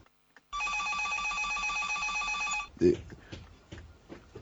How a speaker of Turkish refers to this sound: Ah, telefon. Sakın polis olmasın.